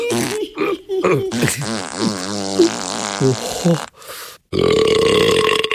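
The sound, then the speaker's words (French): A voice playing a wolf performs a run of exaggerated burping and farting noises, loud: several gurgling, pitch-bending belches, a short hiss, then a long raspy blast at the end. “rote, pète, pisse, crotte, tremble la maison.”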